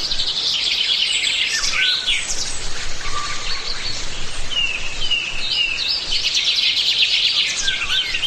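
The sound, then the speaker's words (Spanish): Many wild birds of dozens of species sing at once in a mountain pine forest, a dense, continuous chorus of high chirps, trills and whistles overlapping steadily throughout, with no one talking. “El bosque también es refugio para la cabra montesa, para el jabalí, para el tejón y para decenas de especies de aves. Pero muchas veces no vemos a los animales, los escuchamos.”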